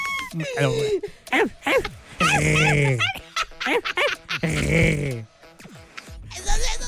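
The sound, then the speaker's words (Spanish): A voice imitates a dog's slobbery kisses, a run of wet snorts, yips and whiny squeals in loud bursts, with brief pauses between them. “Esos son besos de perrito.”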